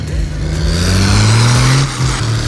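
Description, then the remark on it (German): A diesel engine revs hard on a track, its low rumbling drone climbing steadily in pitch over a couple of seconds amid loud mechanical noise, spraying dust as lots of smoke pours from the exhaust, with no one speaking. “Ich weiß nicht, ob man überhaupt was hört, aber der Staub spritzt, es riecht nach Diesel und oben aus dem Auspuff kommt sehr, sehr viel Rauch.”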